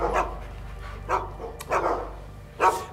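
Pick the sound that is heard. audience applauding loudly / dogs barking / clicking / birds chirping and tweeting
dogs barking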